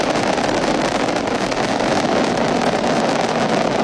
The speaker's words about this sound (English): Liftoff of Crew 13, carried by Dragon Brace to the International Space Station. Copy, 1 Alpha. FD2 pressures are nominal. All 9 Merlin engines on the first stage at maximum thrust of 1.7 million pounds.